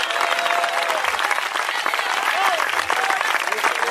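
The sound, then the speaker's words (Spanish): A crowd applauds loudly and steadily, a dense wash of clapping with scattered voices and cheers mixed in throughout. The applause is given to God, hailed as the King. “¡Dale ese aplauso bien fuerte al Rey!”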